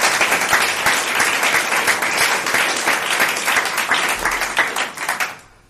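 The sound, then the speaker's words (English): An audience gives a round of applause to thank an event organizer, with dense, steady clapping that holds strong for several seconds, then thins and fades out at the end. “I really appreciate all his efforts, so if we could give him a round of applause.”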